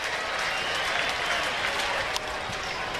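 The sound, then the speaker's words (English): A large baseball stadium crowd of Twins fans roars and applauds steadily at a Twins–Rangers game as the season comes down to its last strike, a dense, sustained wash of cheering and clapping with no voices standing out. “Let this crowd tell the story.”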